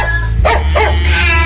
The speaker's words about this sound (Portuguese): O cachorro latiu!